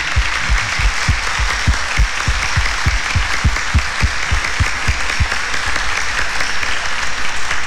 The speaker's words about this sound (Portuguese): Vamos dar uma forte salva de palmas